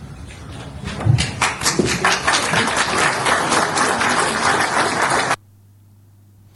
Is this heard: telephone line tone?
no